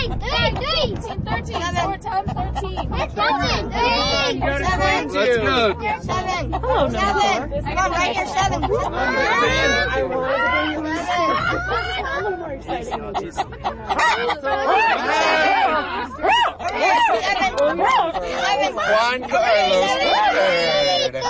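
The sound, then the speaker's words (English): A steady hubbub of crowd chatter at a chicken bingo event at the Aspen Historical Society, many overlapping voices talking and laughing at once, loud and continuous throughout with occasional chuckles rising above the babble. “The sounds of chicken bingo at the Aspen Historical Society”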